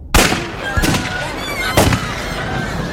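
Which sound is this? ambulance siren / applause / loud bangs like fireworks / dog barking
loud bangs like fireworks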